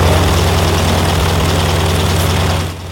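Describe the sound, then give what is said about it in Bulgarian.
A loud, steady biplane propeller engine drones with a throbbing low rumble, running continuously before dipping slightly at the very end, as a 97-year-old British woman flies strapped to its wing. No voices are heard. “Първият регистриран рекорд за най-възрастна жена, летяла здраво прикрепена на крилата на самолет двуплощник, е от преди 4 години.”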